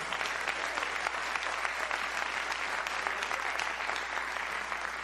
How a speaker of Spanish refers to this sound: Dele fuerte esas palmas al Señor.